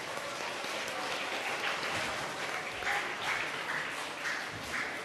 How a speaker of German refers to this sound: Vielen lieben Dank und einen heftigen Applaus von euch.